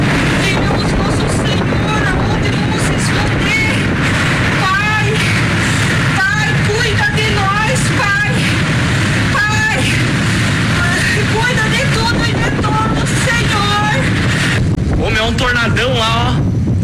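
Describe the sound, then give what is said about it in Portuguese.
Powerful tornado winds roar steadily, a thick, unbroken rush buffeting the microphone, as the tornado passes beside a man stopped with his truck in Giruá, while excited voices shout and talk over the din throughout. “Nas redes sociais, eles divulgaram vídeos do momento da passagem do tornado.”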